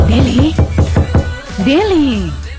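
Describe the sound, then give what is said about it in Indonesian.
A quick run of five or six sharp knocks on a door in a boarding-house complex around midnight, evenly spaced, with a voice speaking over the start and again just after the knocking stops. “Kau buka pintu dulu”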